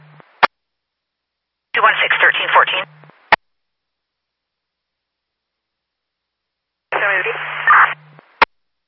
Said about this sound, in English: I'm just copying static.